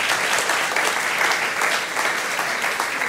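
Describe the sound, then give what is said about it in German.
An audience claps steadily for about three seconds, a dense, even patter of many hands at moderate loudness with no voices on top. “Ich merke das, Ihr Applaus hält sich im Rahmen, ist alles in Ordnung.”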